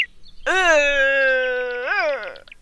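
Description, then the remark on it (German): A single long, moaning roar from a red deer stag holds a steady pitch for about two seconds, then rises and falls sharply before fading out. It sounds loud and alone, with no talking. “Und röhrend klingt etwa so.”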